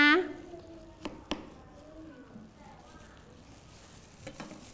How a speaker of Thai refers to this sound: ขออนุญาตหั่นครึ่งเลยเพื่อจะให้เด็กๆนะคะเห็นด้านในเด็กๆคอยดูดีๆนะ